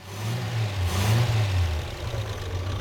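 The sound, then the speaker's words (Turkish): A car engine, just started and still warming up, idles with a steady low rumble and a strong, even hum, briefly swelling slightly louder before settling back to a constant drone. No one speaks. “Rölantide gayet güzel çalışıyor.”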